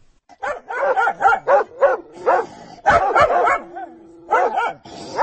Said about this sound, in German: Gegen Mitternacht kam ich endlich zu Hause an. Unsere 2 Hunde müssen meine Schritte in schweren Militärstiefeln gehört haben. Sie fingen an zu bellen, bevor ich das Haustor erreicht hatte.